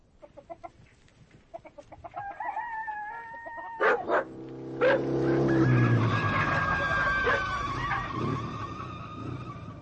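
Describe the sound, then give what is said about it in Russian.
A government-issued motorcycle engine whines closer amid clucking hens as it brings a telegram to a village log hut, then brakes with a couple of sharp skids and keeps idling loudly to the end. No one speaks. “История в Малиновом заовражье, по словам Вовки, началась с того дня, когда он привез на своем казенном мотоцикле к избе Касаткиных телеграмму.”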